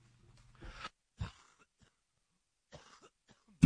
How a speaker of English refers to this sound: Cough break there, guys. Sorry about that.